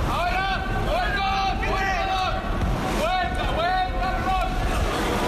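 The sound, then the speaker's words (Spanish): Stadium ambience at the Alfredo Di Stéfano stadium in Valdebebas during Real Madrid's 1-0 win over Alcorcón, played behind closed doors: a steady, hollow wash of noise with players shouting several times, their calls rising and falling in pitch and carrying over the quiet background. “Este era, por ejemplo, el sonido en el Alfredo y Estefano de Valdebebas.”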